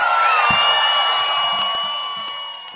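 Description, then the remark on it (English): A loud crowd in Austin cheers and whoops, with sustained high-pitched yells riding over a dense roar of voices that stays strong before easing slightly at the end. “Austin, make some noise, people!”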